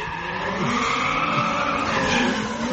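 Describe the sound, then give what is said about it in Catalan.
A car's tires skid and spin continuously without the car moving off, with a steady, loud squealing whine over a revving engine rumble, sustained without pause throughout and with no talking. “Va està fent voltes, però no està marxant, sí.”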